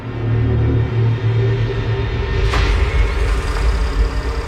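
Car engines rumble steadily, a deep continuous drone with a brief louder burst midway, as black cars start up one by one in the evening darkness and pull away from a square, spreading out across the city.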